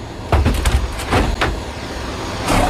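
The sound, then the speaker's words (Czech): Heavy thuds and knocks bang against a wooden transport crate in irregular bursts, a restless Przewalski's horse mare kicking inside as zoo workers load it, with a low vehicle rumble underneath and no one speaking. “Jak je možná slyšet, naložit je o poznání složitější, kope okolo sebe a je neklidná.”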